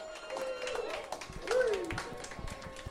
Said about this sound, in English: Impulse. Woo! Can we get another round of applause for Impulse?